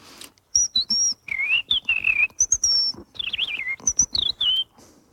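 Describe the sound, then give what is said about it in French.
A person whistles an imitation of a European robin's song as found in Messiaen's Catalogue d'oiseaux: a clear run of high, warbling phrases with quick trills and slides, separated by brief pauses. “Dans son catalogue d'oiseaux, il a dédié une partie au rouge-gorge.”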